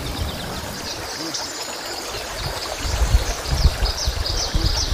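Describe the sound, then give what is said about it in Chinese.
Clear river water fed by plateau snowmelt flows in a steady, broad rushing hiss as food ingredients are washed in it, in Shiqu County at 4,200 m altitude in summer, with heavier low sloshing and splashing surges picking up in the second half. “清澈的河水源自高原融雪，用河水清洗食材，也正是延续着古老而传统的方式，尽显天人和谐的本色。”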